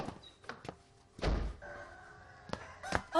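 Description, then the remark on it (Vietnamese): A heavy thud like a car trunk slamming, followed by a rooster in the car's trunk crowing in a long, drawn-out call, with a few scattered clunks around it and no talking. “Còn con gà sau cốp xe cứ để đấy, chút anh ra lấy đem vào biếu bố mẹ sau.”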